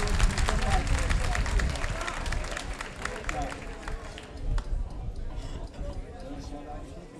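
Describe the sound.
A crowd at a party applauds with dense, steady clapping that is loudest at the start and eases off slightly toward the end, with murmuring voices mixed in underneath.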